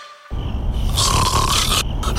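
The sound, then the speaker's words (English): A loud, rough snore rattles on for about two seconds, a harsh, throaty buzz with a grinding low rumble and raspy hiss. It ends on a brief snort. “Sound familiar? Sleep apnea could be affecting your health.”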